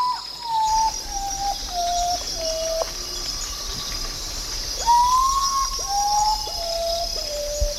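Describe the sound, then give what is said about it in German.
A common potoo (Uratau, the 'day sleeper') gives its strange, mournful call: a series of clear whistled notes stepping down in pitch, then a louder second series starting high and descending again, over a steady insect drone. “Und zu diesem wunderbaren Start des Radiokunstfestivals Radio Revolten in Halle möchte ich natürlich auch einen Vogel beisteuern, der mir irgendwie aufgefallen ist im Sinne von seltsamer Lautäußerung.”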